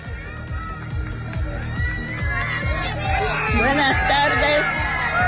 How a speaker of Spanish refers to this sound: Un fuerte aplauso, por favor, para él.